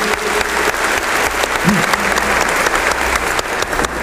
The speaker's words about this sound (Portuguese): Uma salva de palmas a palavra de Deus.